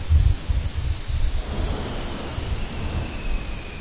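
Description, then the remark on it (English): Underwater ice fracturing, heard from some distance away: a few dull, low booms and cracks thump through in the first second or so, then fade into a steady, rushing hiss of background noise. No voices. “You can hear really, in a very eerie, echoey way, this fracturing process. And so if you listen long enough, you will hear this, like, boom and a crack and a boom from some distance away.”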